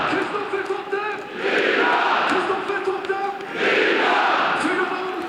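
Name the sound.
football stadium crowd cheering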